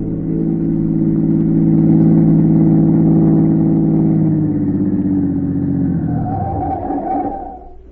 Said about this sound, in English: A minute or two later, a black car, its curtains drawn, pulled to the curb.